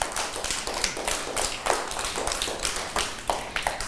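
A group of children clapping in a loose, uneven patter, with several sharper claps standing out above the steady scatter of smaller ones, and no one speaking.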